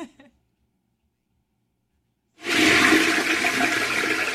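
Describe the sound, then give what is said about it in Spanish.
After a short blip and two seconds of silence, a toilet flushes loudly, its broad rushing, gurgling water surge starting abruptly and continuing steadily to the end. “¡Revivió el baño!”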